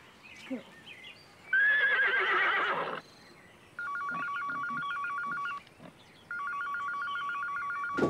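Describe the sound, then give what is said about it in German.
A telephone rings twice, each ring a loud, rapid trilling burst lasting nearly two seconds, separated by a short pause. A horse's whinny comes just before the first ring. “Teres, Telefon.”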